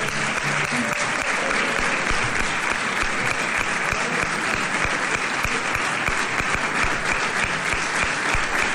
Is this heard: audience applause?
yes